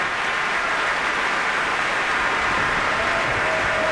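Sustained applause from a large concert audience for the Cleveland Orchestra after its performance of the Verdi Requiem, with all the performers on their feet with Maestro Welser-Mürst; a dense, steady wash of clapping that fills the space evenly without pause or voices.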